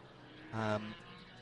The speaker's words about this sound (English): So the Karcher 62 machine is the second of those HWAs we mentioned coming out the pit lane now. The very easily recognisable 911.